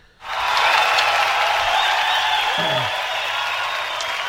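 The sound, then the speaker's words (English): An audience breaks into loud, sustained applause, a dense wash of many hands clapping that starts abruptly and holds steady for several seconds. “It was a big applause, that wasn't it?”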